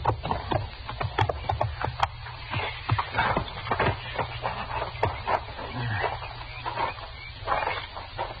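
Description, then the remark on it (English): Horses' hooves clip-clop in an uneven, shuffling rhythm as riders halt their horses by a house, with dozens of sharp knocks over a steady low rumble and no one talking. “Let's leave our horses here, huh, Chester?”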